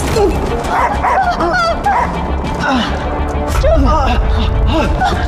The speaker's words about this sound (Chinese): 这里怎么会有狗？他没咬到。